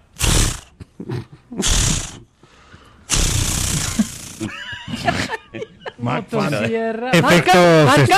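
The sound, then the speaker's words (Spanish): A voice imitates a chainsaw pull-start: several loud, raspy sputtering bursts with pauses between, then a stretch of whiny vocal revving. “sonando bueno el intento de encendido.”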